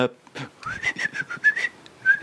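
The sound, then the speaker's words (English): Someone whistles an imitation of yellow-chested warbler birdsong: a quick run of short, sliding high whistled notes in uneven bursts, fairly loud, with faint breathy noise between phrases and no speech. “I think that was a yellow chested warbler.”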